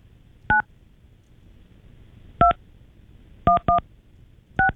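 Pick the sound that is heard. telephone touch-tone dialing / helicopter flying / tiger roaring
telephone touch-tone dialing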